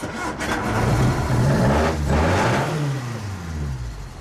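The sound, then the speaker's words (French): A 1600 cc car engine revs up with rising and falling whines across several seconds, loud and steady throughout, with a brief surge near the start and another around the middle; no one speaks. “Un 1600 cm3. D'accord, un moteur qui aurait un peu ce bruit-là.”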